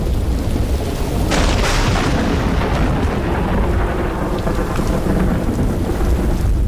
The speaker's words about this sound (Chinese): 卡勒感受到了季节的变化，空中电闪雷鸣，一场大雨倾盆。